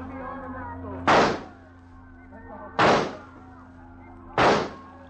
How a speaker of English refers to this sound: No. Nobody will hear the shots. But you cannot hit him at that distance. And the boat is bobbing up and down. I'll hit harder targets than that. And for less reason. Watch.